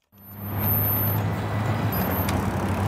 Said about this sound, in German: Eine Straßenkreuzung im Osten Pekings. Auf 8 Spuren überschneidet sich der Verkehr. Wer hier an der Ampel wartet, tut das unter mehr als einem Dutzend Kameras pro Fahrtrichtung.